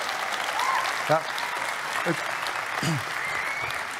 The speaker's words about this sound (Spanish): Vamos, se va a aplaudir, mujeres. Tiene que integrarse acá tantito, ayúdeme.